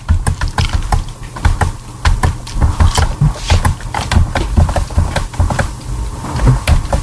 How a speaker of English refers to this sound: I hear her keyboard. I think so. Yep. Okay, yep, we hear.